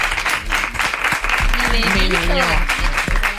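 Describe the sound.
A steady burst of applause for the show's director, dense and fairly loud, keeps going for a few seconds while voices call out and talk over the clapping.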